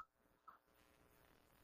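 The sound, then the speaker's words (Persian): A landline telephone upstairs rings faintly, two short electronic chirps about half a second apart over quiet background noise, with no one speaking. “با وقتی این تلفن بالا ول نمی کنه”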